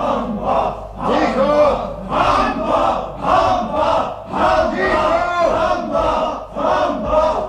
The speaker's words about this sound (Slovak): Blížia sa popravy a ten záchvat bol akoby signálom pre všetkých. Vyvádzajú a kričia, že sa už nedá s nimi vydržať.